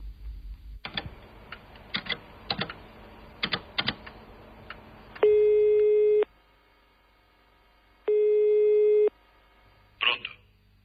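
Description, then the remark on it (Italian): Rapid keyboard typing gives way to a telephone line tone as a woman phones her husband: two steady, loud one-second beeps separated by silence, followed by a brief clunk at the end. “e poco dopo telefona al marito, che ha appena ricevuto un avviso di garanzia.”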